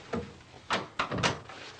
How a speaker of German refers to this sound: Mach gefälligst die Tür zu.